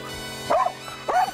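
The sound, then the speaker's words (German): Max, a truffle-hunting dog, gives two sharp barks while searching for truffles among oak roots, evenly spaced about half a second apart, loud and clear with a slightly yelping, mid-pitched tone and no talking. “Mal sehen, ob Max hier Alarm schlägt.”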